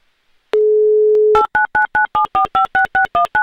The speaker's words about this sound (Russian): Еще раз набрала номер телефона